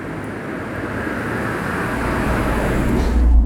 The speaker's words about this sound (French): Il y a une voiture.